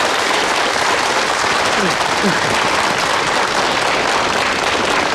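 Enthusiastic applause from a group of craftsmen at a xuan paper workshop, welcoming a visiting master, fills the whole stretch, a dense, steady roar of many hands clapping at full volume without letting up.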